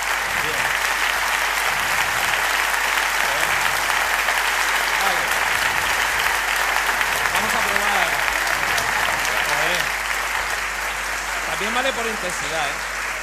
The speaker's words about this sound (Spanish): También vale por intensidad también nos sirve. Pero vaya, el largo ha sido bastante largo. Vamos a probar con... Pero no habían parado de aplaudir.